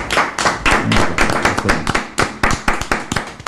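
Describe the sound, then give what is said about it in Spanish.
A burst of applause from a small group on the show el Rumbero, dense overlapping hand claps with a few sharper individual claps standing out, fairly loud and steady throughout with no talking. “Qué bonito, sí señor, un aplauso.”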